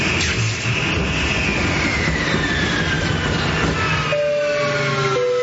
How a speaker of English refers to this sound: And this is your captain speaking again. As you can see, we're experiencing engine failure. Looks like we're not going to get this bird off the ground tonight.